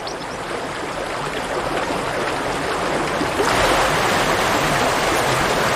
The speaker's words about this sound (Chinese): 冰雪融化后，山间的溪流水位上涨，